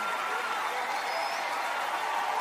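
Sustained applause from an audience, a dense, steady wash of clapping hands at an even loudness throughout, with a faint crowd murmur mixed in and no clear speech.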